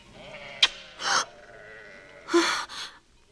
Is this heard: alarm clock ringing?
no